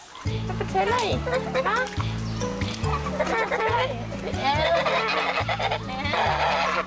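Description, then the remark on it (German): Honking geese call repeatedly over a steady, rhythmic music bed, their harsh nasal cries overlapping and fairly loud throughout. “putzt derweil mit Hochdruck das Gänsefeuchtrevier.”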